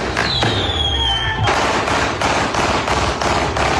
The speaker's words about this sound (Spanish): Con disparos al aire, fuegos artificiales, un auto quemado y sin detenidos, terminó un velorio simbólico en Quilicura.